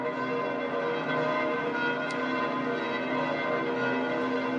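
Church bells of St. Peter's Basilica ring out in a dense, continuous peal, rich overlapping tones sustaining steadily at an even loudness with no voices.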